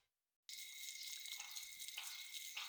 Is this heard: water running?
yes